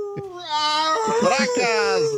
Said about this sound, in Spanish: Están aullando los perros por acá.